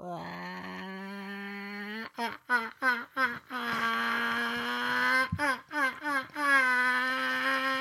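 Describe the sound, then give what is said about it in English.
A person imitates a chicken, alternating long, nasal, wavering squawks with bursts of quick, rhythmic clucks, loud and alone without other talk. “That's my chicken.”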